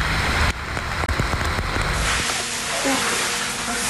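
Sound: heavy rain downpour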